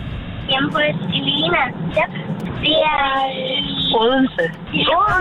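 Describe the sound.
Voices talk over a steady low engine rumble and road hum, the muffled enclosed sound of riding inside a moving car, heard through a narrow, phone-like band.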